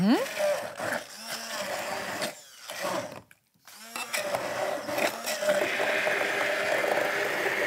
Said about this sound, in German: So, unsere Erdbeeren geben wir also jetzt in das Glas und geben also jetzt zunächst mal in unseren Mixer hier rein. Bitte? Das duftet, riecht schon lecker, ne? Ja. So, machen wir die erstmal klein.